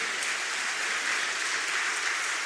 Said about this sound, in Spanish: Aplaudan al Señor.